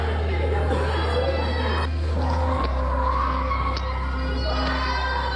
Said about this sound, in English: We saw a woman screaming as she was pulled to the floor with her baby. Around 10 people were arrested.